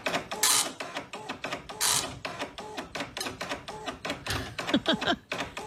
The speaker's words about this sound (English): The dot matrix printer where it took forever for anything to print.